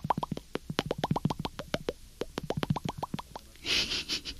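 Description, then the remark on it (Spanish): A voice imitates bubbles popping underwater, the bubbling that would be heard instead of birdsong in a city under water, with a rapid run of about twenty wet, plopping mouth clicks in uneven rhythm, ending with a few breathy, hissing bursts. “Y en lugar de oír trinos, oiríamos burbujitas así.”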